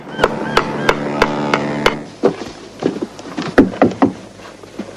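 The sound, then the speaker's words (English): A man up on the roof of an accountant's office hammers at a tile: sharp hammer blows ring out in a steady rhythm, about three per second, then continue as looser, irregular knocks, with no voices. “They head inside Urquhart's, the accountant's, next door, while up on the roof, a man hammers at a tile.”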